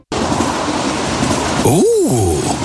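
An express train rushes past on the rails with a steady, loud rumble, then a rising and falling horn-like whine sweeps by as it passes.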